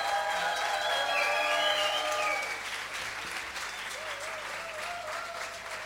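An audience applauds steadily, a dense wash of clapping that is loudest in the first couple of seconds, then settles slightly softer, with a few faint whistles or cheers mixed in.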